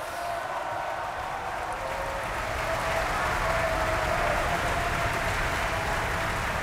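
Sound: concert audience applause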